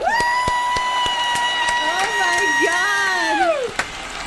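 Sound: audience clapping and cheering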